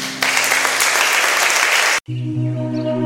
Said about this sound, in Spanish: Con un aplauso, Jesús.